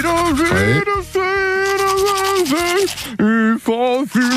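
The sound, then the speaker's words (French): Someone sings a sustained melody with wavering vibrato while brushing their teeth for a radio song-guessing game, the voice muffled and garbled by the toothbrush, loud, with brief breaks between phrases. “C'est très étonnant dans le jeu de la brosse à dents.”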